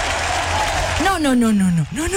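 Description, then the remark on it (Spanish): Applause added to a song: a dense burst of clapping fills the first second, then a voice breaks in with a long, sliding, downward-bending cry that rises again at the end. “Yo necesito ponerle aplausos a esta canción.”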